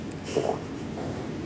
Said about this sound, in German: Ja, Mensch, lass mich Nase putzen.